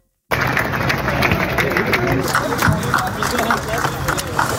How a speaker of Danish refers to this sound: Ja, der blev klappet, da 300 traktorer i morges ankom rullende ind på Christiansborgs Slotsplads, og mens politikerne i Folketingssalen andenbehandlede et lovforslag, som skal begrænse landmændenes brug af gødning, demonstrerede tusindvis af landmænd